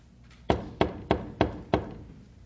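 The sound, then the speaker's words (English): Five firm knocks on a gate, sharp and solid, struck in a slightly uneven rhythm with short pauses between, each with a brief dull resonance and no voices. “A poor burdened sinner from the city of destruction knocks.”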